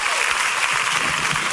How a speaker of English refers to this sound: Oh, clap for Jesus.